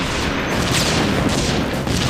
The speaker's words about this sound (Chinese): 到处都是爆炸声，地面都烧焦了。 几百辆坦克被烈火吞没，双方不分昼夜的激战。